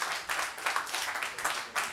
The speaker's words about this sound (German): Ich möchte gerne Ihren Applaus oder Nicht-Applaus hören. Und wir beginnen mit der Aufnahme von …. Wer möchte, dass diese Aufnahme weiterkommt?